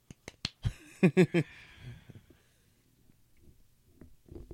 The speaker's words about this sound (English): Woo. Golf clap.